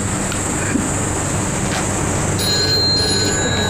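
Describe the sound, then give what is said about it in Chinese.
A telephone starts ringing partway through, sustained electronic tones rising over a steady, noisy background hum. Nobody speaks. “我接个电话。”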